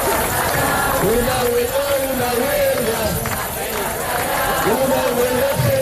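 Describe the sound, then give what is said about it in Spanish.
A large crowd at a housing protest chants in unison in a street in Almería, Spain, demanding a solution to the housing crisis. Loud rhythmic phrases rise and fall in repeated waves over a constant dense roar of many voices. “Y en las calles españolas, pues el grito sigue siendo unánime.”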